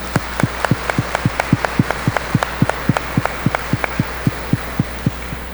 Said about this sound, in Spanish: La felicitamos con un fuerte aplauso.